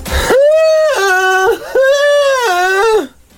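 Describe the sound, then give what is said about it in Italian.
A person imitates a boat's fog horn with a loud, sustained two-tone hoot, a higher note dropping to a lower one, repeated twice in a row. “Come fa la sirena da nebbia?”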